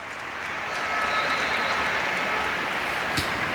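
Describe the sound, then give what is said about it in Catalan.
A stadium crowd of about 800 to 1,000 spectators in Logroño applauds steadily as Aitana Bonmatí enters the pitch for Barça, a dense wash of clapping that swells in the first second and then holds at an even level, with a few sharper claps standing out near the end. “Aquesta és l'ovació que rep de les gaunes de les 800 o 900 o 1.000 persones o 1.000 i escaig que hi ha avui a Logroño”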